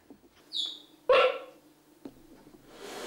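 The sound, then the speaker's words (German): Two cheetah cubs give a couple of high, bird-like chirps: a thin whistling peep followed by a louder, sharper squeak, then a faint click and soft background hiss. “Die Piepser der Kleinen klingen wie Vogelstimmen.”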